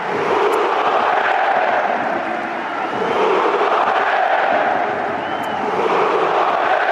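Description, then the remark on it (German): A large stadium crowd at Hamburger SV's 3:2 win over Freiburg roars and applauds in stoppage time as loan players Luka Vucevic and Fabio Vieira are substituted off, a dense, loud wash of cheering and clapping that swells and holds steady throughout, with no distinct voices standing out. “Es war ein Tag der großen Emotionen, vor allem in der Nachspielzeit, als unter großem Applaus die beiden Leihgaben Luka Vucevic und Fabio Vieira ausgewechselt wurden.”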